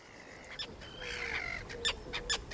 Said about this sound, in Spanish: Y sobre esas aguas resplandecientes, los estáis escuchando, vuelan los ruidosos, elegantes, pero siempre malhumorados charranes comunes. Nombre científico, Sterna irundo, con colonias fantásticas en la desembocadura del río Var, en Niza,